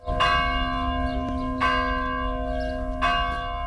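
Memorial bells toll at the Orlovača cemetery in Belgrade for 25 people buried there, in slow, regular strikes about every second and a half, each ringing out with long sustained overtones over a low background rumble. No voices are heard.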